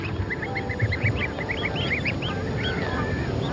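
A flock of greylag geese, some adults flightless after moulting their flight feathers, with goslings alongside, honks continuously, many short, overlapping calls in a busy, steady chatter over a low outdoor rumble, moderately loud.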